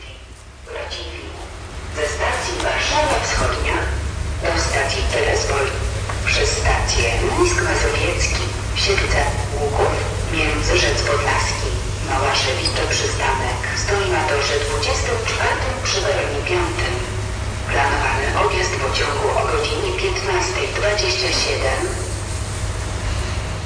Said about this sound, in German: Auf dem anderen Gleis werden gerade die Mülleimer leer gemacht.